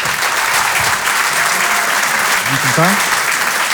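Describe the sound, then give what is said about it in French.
An audience applauds loudly to welcome humorist Denis Maréchal on stage, in a steady, dense wash of clapping that holds for several seconds, with a brief voiced sound rising through it near the end. “Je vous demande de l'applaudir très fort également lui aussi.”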